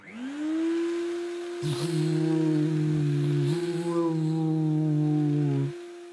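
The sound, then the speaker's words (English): A Hoover vacuum cleaner switches on with a rising whine, settles into a loud, steady motor hum with a lower drone joining in, then cuts off after several seconds. “Why didn't that stupid machine just Hoover by itself? A robot Hoover, that's what he needed. Henry switched it on.”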